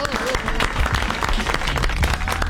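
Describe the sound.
A crowd applauds steadily and fairly loudly throughout, a dense wash of clapping with a few voices briefly audible beneath it.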